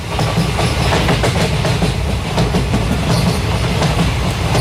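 A train rumbles along railway tracks with a steady, loud clickety-clack of wheels over rail joints, continuous, with no voices.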